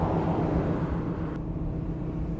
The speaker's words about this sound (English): The mill makes a very interesting sound, don't you think?